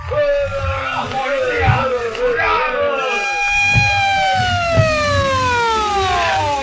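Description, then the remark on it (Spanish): Several police patrol car sirens wail at once as the cars surround a burning building, their rising and falling tones overlapping loudly and continuously, with a low rumble of traffic or engines underneath. “Varias patrullas policíacas cercan el edificio en llamas y decenas de policías armados se sitúan en lugares estratégicos, iluminando con reflectores los contornos del edificio en llamas.”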